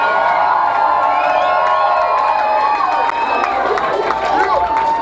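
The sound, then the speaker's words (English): A loud, sustained roar of audience cheering and applause for a live band's performance, with high whoops and shouts layered over dense clapping, steady and intense throughout. “Yeah, yeah, give it up.”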